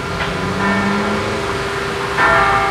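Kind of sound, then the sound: signal or alarm, church bell ringing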